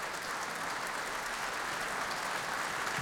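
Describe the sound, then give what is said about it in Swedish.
Sustained applause from a large concert audience as soloist Camilla Tilling and conductor Niklas Kollon come back on stage for another curtain call, a dense, steady wash of clapping with no pauses, heard alone without any voices. “Och här kommer solist och dirigent ut i applådtacket ännu en gång.”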